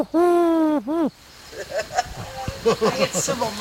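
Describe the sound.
A person imitates a wood pigeon's coo with a long, loud hooting note and a shorter one right after, followed by quieter talking from several people.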